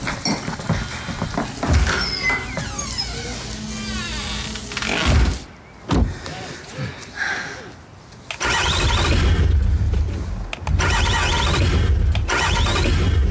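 A car engine cranks repeatedly in bursts, the starter grinding and whining without catching, with brief pauses between attempts and some faint voices in the background.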